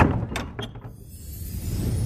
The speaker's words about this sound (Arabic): شكرت أصحاب المنزل ومرافقي على حسن الاستقبال، لأغادر السكينة وليستقبلني ضجيج المدينة بعد أن أوصدت الباب خلفي.